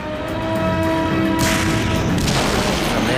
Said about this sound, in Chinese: 突然响起了炮声